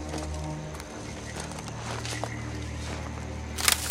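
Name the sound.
footsteps on dry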